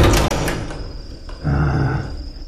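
A toilet door slides and bumps shut, with a sharp knock near the start followed by a rumbling scrape of movement; no one speaks.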